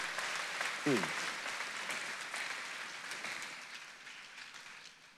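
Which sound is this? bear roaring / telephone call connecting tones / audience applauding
audience applauding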